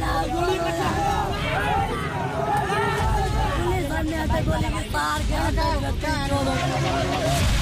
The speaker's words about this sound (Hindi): उग्र भीड़, सड़कों पर भारी बवाल, हिंसा, आगजनी और सुरक्षा बलों की तैनाती के बीच जबरदस्त तनाव। ये तस्वीरें पड़ोसी देश नेपाल की हैं, जो साफ बता रही हैं कि सांप्रदायिक हिंसा के बाद बिहार से सटे नेपाल के तराई इलाके में कैसी स्थिति बनी हुई है।